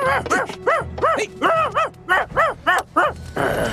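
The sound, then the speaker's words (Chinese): A puppy barks about ten times in quick succession, each bark a short, high-pitched yip with a rising-and-falling tone, loud and steady in rhythm, ending in a brief noisy rustle. “拜拜了，小狗狗。”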